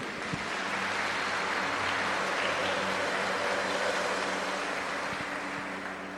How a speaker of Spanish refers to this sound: También les damos un fuerte aplauso.